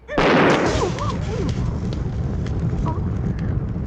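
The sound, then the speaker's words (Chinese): A sudden loud explosion erupts, followed by several seconds of rumbling, crackling roar as shouting cries rise faintly through the din; thrown thunder-pellet bombs, a small newly invented hidden weapon that looks like red beans, exploding. “这些不是红豆，哎，这是我新发明的暗器——霹雳雷珠。 霹什么力？什么雷？ 你不要小看它哟，它爆炸起来啊，威力无穷。”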